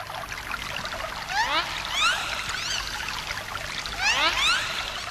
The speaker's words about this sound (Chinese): 我仿佛又听见了大海的声音，哈哈。